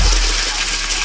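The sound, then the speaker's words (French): A dense shower of coins pouring down, a cash sound effect on Skyrock radio, a bright, continuous metallic jingling and rattling that stays loud and steady for about a second, with no voices. “c'est pas le bruit des cigales, c'est le bruit du cash.”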